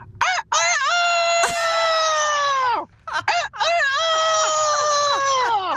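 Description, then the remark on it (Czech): A person imitates a rooster crowing twice in a row, as part of imitating farm animals, each call a long, loud, strained cock-a-doodle-doo with rising and falling pitch, with no other talking. “Tady máme kouta”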